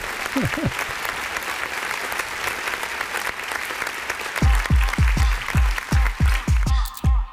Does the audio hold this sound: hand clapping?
yes